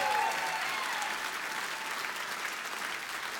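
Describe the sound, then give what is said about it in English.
A crowd at a live show claps and cheers for drummer Christian Napoleon from Cleveland, Ohio. It is a dense wash of applause with a brief whoop at the start, holding a fairly even loudness before easing slightly toward the end. “Y'all need to scream loud in the back.”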